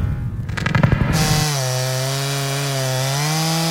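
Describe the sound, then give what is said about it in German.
A chainsaw roars behind a barn on a farm, starting with a rough, choppy cut before settling into a steady, loud buzzing idle with a strong harmonic whine. No one speaks. “Als ich zurück auf unseren Hof fahre, höre ich die Kettensäge hinten an der Scheune und bin schon sauer, noch bevor ich aussteige.”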